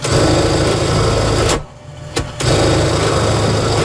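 A sewing machine, operated by a sample maker, whirs in a loud, steady mechanical hum, cuts out for about a second with a single click in the pause, then starts up and runs on evenly. No voices.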